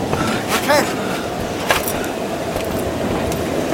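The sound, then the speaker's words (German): A steady, loud rumble of a moving train fills the scene, with rattling and a few brief metallic squeals and clanks riding over the constant roar. “Oder wo auch immer sonst dieser gottverdammte Zug hinfährt?”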